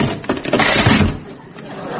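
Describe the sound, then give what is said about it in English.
An old wooden chair cracks and collapses in one loud crunching burst with a splintering clatter, then tails off into quieter rattling debris. “Don't worry, that was an old chair.”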